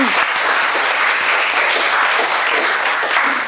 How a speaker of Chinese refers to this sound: 好，掌声送给他。